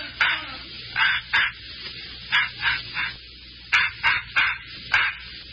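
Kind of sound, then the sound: animal, puppy barking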